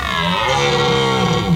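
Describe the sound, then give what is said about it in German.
A red deer stag roars in one long, loud, throaty bellow lasting over a second, deep and harmonically rich, with no talking. “Das muss ein röhrender Hirsch gewesen sein.”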